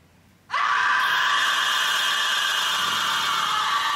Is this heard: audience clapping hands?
no